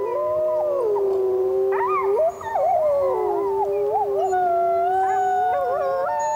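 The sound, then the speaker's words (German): Several wolves howl together in a chorus, long sliding wails overlapping and rising and falling in pitch, sustained throughout with no talking. “Wölfe sind Jäger und Rudeltiere.”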